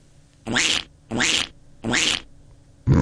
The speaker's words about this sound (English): What's that? Is that a duck? Apparently it's a duck. Great sound effect, mate. Thanks for putting time and effort into that. Oh, well, it's there in the system. I thought I'll just use that one. Sounds like Donald, that one. It does, doesn't it?